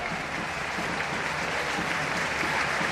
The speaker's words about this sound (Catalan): Aplaudiments a la graderia de Montilivi d'aquest doble canvi. Els dos primers del Girona, recordant que el Mallorca ja només en té un.